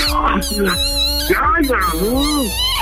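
A small female dog barks in a few short, high-pitched yips that slide into whiny, whimpering tones, over a steady low background hum.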